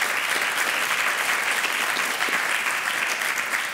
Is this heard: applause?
yes